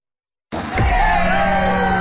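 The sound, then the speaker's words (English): After a brief silence, a loud, dense roar of a cheering crowd bursts in and holds steady, with whoops and clapping blended into a continuous wash of noise; the cheering is for the farm crews working through the harvest. “Hear that? That's for the farm crews putting in the hours this harvest. And the Eagle 93.5 thinks they deserve more than applause.”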